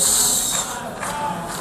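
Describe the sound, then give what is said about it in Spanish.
A crowd at the United Nations General Assembly boos Israeli Prime Minister Benjamin Netanyahu, one steady, unbroken wash of jeering voices, fairly loud and even throughout, with no clear speech standing out. “En la Asamblea General de Naciones Unidas esta tarde comparece el primer ministro de Israel, Benjamín Netanyahu, que ha recibido un sonoro abucheo.”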